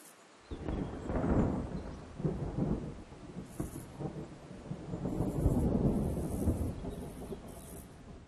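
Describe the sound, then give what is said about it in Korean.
Deep rolling thunder rumbles in repeated waves over a steady wash of loud, heavy rain in an autumn storm, as a young buzzard endures the pouring rain. No voices present. “가을에는 폭풍우가 빈번하고 날마다 기온이 떨어집니다. 새끼 말똥가리가 최선을 다해 쏟아지는 비를 견디고 있군요.”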